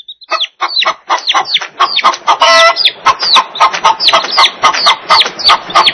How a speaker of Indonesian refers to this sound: Ternyata suara ayam. Ayam. Ayam. Ini ayam jantan. Suara ayam jantan indah sekali.